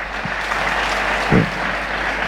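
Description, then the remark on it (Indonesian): Steady applause from an audience fills the whole stretch, a dense wash of many hands clapping at once, fairly loud and even, with no one speaking over it. “Dan itu tidak cukup dengan tepuk tangan.”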